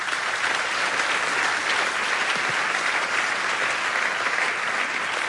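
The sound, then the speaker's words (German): Steady audience applause for a statement by Markus Feldenkirchen fills the whole stretch, a dense, even wash of many hands clapping at a constant loudness with no pauses and no voices. “Wichtiger Hinweis, der Applaus galt der Aussage von Markus Feldenkirchen und nicht dem Namen Nikolaus Blume, weil ich den schon reingerufen hatte.”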